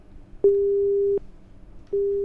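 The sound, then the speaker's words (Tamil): A telephone busy tone on a children's call-in show line that callers cannot get through on: a steady low-pitched beep held for about three-quarters of a second, a pause of similar length, then the beep starting again, loud over faint background noise with no talking. “குட்டீஸ்லாம் லைனில் வந்துக்கிட்டே இருந்தாங்க, திடீர்னு என்னன்னு தெரியல, லைன் அவங்களுக்கு கிடைக்க மாட்டுது.”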